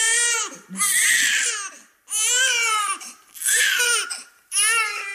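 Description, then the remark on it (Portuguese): A newborn baby, just born inside an ambulance and now arriving at a maternity hospital, wails in loud, high-pitched bursts, four cries in quick succession with short gasping breaks between them, with no talking. “Oh, senhora enfermeira, este bebê nasceu dentro da minha ambulância e agora, aqui, ao chegar à maternidade, a parturiente deu de frosques e eu fiquei com o puto nos braços.”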